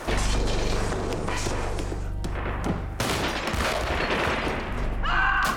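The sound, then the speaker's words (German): Sustained, heavy gunfire fills the whole stretch, with dense overlapping bursts and sharp cracks over a deep rumbling low end, staying loud throughout with a brief harsh burst near the end. “Feuer einstellen.”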